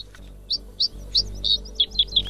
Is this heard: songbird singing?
yes